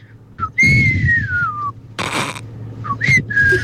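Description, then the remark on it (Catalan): A person whistles a short melody from a song, with sustained gliding notes, a brief breathy burst in the middle, then a few more whistled phrases; no talking. “A veure, i et, mira, fa així, se sent un xiulet que fa...”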